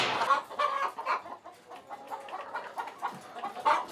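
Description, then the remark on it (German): Several chickens cluck and murmur continuously in a henhouse with lit laying tiers, a busy overlapping chorus of short clucks and warbles with no one speaking. “Dass die Hühner halt immer den Reflex haben, hier wieder herzukommen und nicht draußen irgendwo im Gras die Eier legen.”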